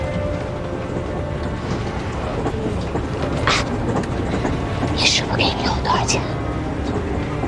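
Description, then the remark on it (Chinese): A train rolls steadily along the rails, a dense continuous rumble filling the background, with a few brief hissing, clattering bursts rising above it. “昨天还在排长会，今天就在火车上，像做梦一样。”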